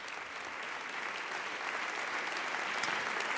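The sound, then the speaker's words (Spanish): A crowd applauds steadily, a dense wash of clapping that holds at an even, fairly loud level for a few seconds with no voices standing out. It is an ovation for the youngest member of the Jazz Atlanta orchestra after he plays. “Bueno, bueno, bueno, y recibe la ovación del respetable.”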